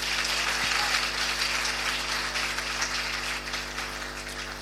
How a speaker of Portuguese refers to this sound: Uma salva de palmas para o Só Elas.